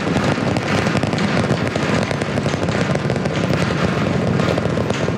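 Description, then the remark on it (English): All 33 Raptor 3 engines on Booster V3 roar about 30 seconds into flight as it ascends over the Gulf: a loud, unbroken wall of deep rumbling noise shot through with harsh crackling bursts, steady for the whole stretch with no voices. “CN 33 out of 33, Raptor 3 engines on booster V3.”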